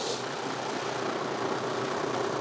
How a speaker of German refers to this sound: Da bollert da der 6-Zylinder.